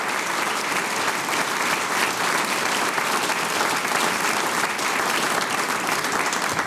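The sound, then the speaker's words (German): Sustained applause from a sizeable audience for a performing family music group, a dense, steady clatter of many hands clapping at once, fairly loud and even throughout without any talking over it. “Ihr kriegt einen großen Applaus, weil das, was ihr macht, ist ganz, ganz super.”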